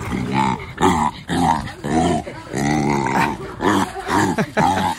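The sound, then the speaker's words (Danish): Markus, a three-month-old jaguar cub at Randers Regnskov, growls while being fed rabbit: about eight rough, rumbling growls in quick succession, each with a wavering pitch and brief pauses between, loud and steady with no voices. “Sådan her lød det i går, da Randers Regnskovs 3 måneder gammel jaguar-killing Markus blev fodret.”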